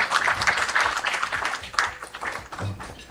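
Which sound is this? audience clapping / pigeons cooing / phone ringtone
audience clapping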